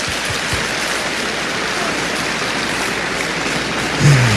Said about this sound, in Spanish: Ahora, okay, un aplauso a Cristo. Very good, very good.